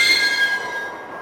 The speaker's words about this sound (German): Ich öffnete die Tür.